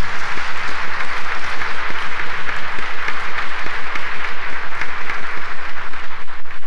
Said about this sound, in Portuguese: Nossa Senhora merece uma grande salva de palmas, né?